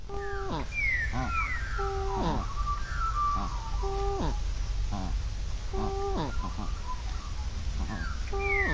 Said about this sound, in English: Are there two birds creating that sound, Joe? Yeah, quite likely, yep. Mm-hmm. Yeah. And what's like? What is the likelihood of likely context of that sound grab? That sounds to me like they're both working together, mm-hmm.